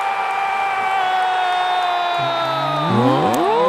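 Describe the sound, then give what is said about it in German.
A stadium crowd roars in celebration after a goal scored by Greece, a loud, sustained wall of cheering with rising whoops and shouts that swell even louder near the end. “Leider war das ein Tor für Griechenland.”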